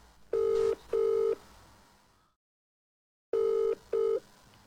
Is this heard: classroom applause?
no